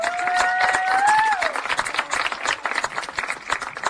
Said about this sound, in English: Ladies and gentlemen, one last round of applause for the great senior squad of Southmont softball. There's Mountie senior night here at Mountie Field as the Mounties get ready to take on North Putnam.